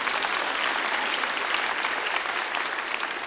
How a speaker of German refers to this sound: War das besser als vorher? Ah, dann einen Applaus nochmal für die Pauke.